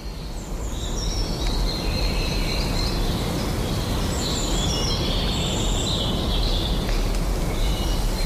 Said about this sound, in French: Il y a toujours l'éclat de ces oiseaux.